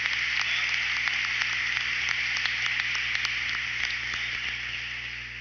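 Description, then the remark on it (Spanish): A crowd applauds loudly and steadily after a blessing given in the name of the Father, Son and Holy Spirit, a dense wash of many hands clapping that holds without a break for several seconds and eases slightly toward the end. “Un aplauso. Fuerte el aplauso.”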